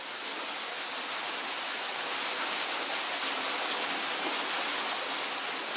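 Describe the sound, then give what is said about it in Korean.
A cave waterfall roars steadily, a dense, unbroken rush of falling water filling the whole clip at an even, loud level with no voices. “거센 물소리의 정체는 바로 동굴 폭포.”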